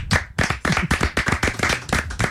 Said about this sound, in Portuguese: Muito bom, uma salva de palmas.